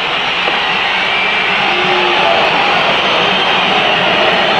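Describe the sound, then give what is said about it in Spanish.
A stadium crowd whistles as Central takes the field, the whistles aimed at Almirón's team: a loud, unbroken wash of shrill, hissing noise, with a few piercing whistles rising over the steady roar. No one speaks over it. “Cuando Central salta el campo de juego, escuchen. Por eso los silbidos.”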